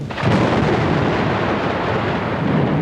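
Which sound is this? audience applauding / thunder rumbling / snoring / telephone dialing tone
thunder rumbling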